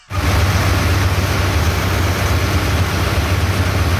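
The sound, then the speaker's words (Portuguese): A large engine at a gold-mining site, which keeps the mining equipment running, runs steadily and loudly, its deep low rumble constant throughout with a broad mechanical noise layered on top and no voices. “Eita, esse motor que fica aí, não dá pra mandar áudio mesmo, não. Olha que motorzão.”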